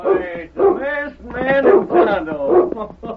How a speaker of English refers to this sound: Down, boy, down. Every time he sees you two fellas, he wants to bark his fool head off.